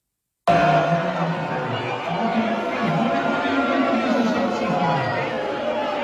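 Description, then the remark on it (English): A large crowd at a Democratic Socialists of America slate election night party boos loudly and steadily at someone shown on a big screen, a dense wall of many overlapping voices that cuts in abruptly and keeps a constant level for several seconds without pause. “They're all booing and their hands, you know, thumbs down, everything else.”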